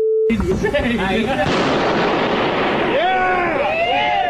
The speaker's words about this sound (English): I mean, out in the woods, there's nobody around. Okay, but still, that is one hell of an explosion.